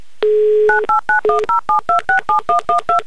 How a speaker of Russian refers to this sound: прямо сейчас я набираю ваш номер телефона.